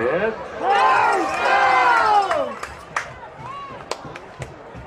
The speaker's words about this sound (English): It's good to see the Middlebury crowd here. They're packed. They're supporting their team. Got a winning team this year. Brings the crowd out. They opened the gates at 5:30 and people started pouring in an hour and a half before game.